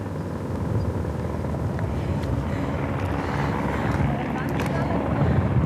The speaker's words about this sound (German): Also, am Hubschrauber hängt jetzt wahrscheinlich ein Luftretter. Ja, ziemlich sicher ein Luftretter. Es hängt jemand dran.